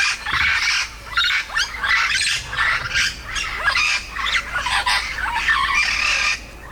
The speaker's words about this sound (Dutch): Hoe ziet hij eruit, de geelvleugel Amazone? Nou ja, de geelvleugel Amazone, die op Aruba de Lora wordt genoemd, is eigenlijk gewoon een middelgrote papegaai.